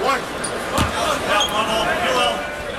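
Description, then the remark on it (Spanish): A brief swish of a basketball net cuts through a steady wash of crowd noise during a Lakers basketball game, with a couple of sharp thuds mixed in. “Mario, te voy a nominar para un Oscar, para que te den el Oscar por el sonido de las redes.”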